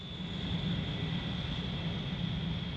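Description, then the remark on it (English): A steady, heavy roar of a jet airplane engine with a thin high whine on top as a plane takes off and flies over Washington, holding at an even loudness throughout and not rising or fading. “A plane takes off, then is flying over Washington.”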